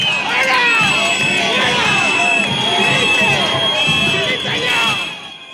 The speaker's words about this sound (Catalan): Un grup de manifestants han aconseguit arribar a les portes del Palau, l'han escridassat amb crits de dimissió.